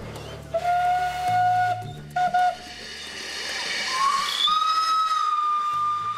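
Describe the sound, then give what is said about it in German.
The whistle of a working farm steam locomotive sounds in long, bright tones, cutting out briefly and then returning with a rising pitch, over a steady background of hissing steam and low rumble. “In dieser Halle sind die Traktoren und Lokomobile untergestellt, aber auch die betriebsfähigen Dampfloks der Farm.”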